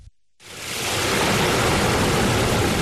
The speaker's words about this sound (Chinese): 8月6号，随着埃里克塔木取首的电子闸门缓缓抬升，塔里木河的最长源流板腔河河水奔涌而下，水路延超过350公里，在与和田河交汇后，最终汇入塔里木河干流。